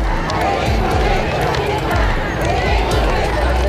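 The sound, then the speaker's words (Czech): A crowd of women in Buenos Aires, Argentina, in January 1979 chants the protest slogan "We want our children" together, their loud, blended voices rising in steady rhythmic bursts over a dense wash of crowd noise. “Po chvíli ale opět nabere sílu a s tím kapesníkem v pravé ruce spolu s ostatními ženami skanduje: chceme naše děti.”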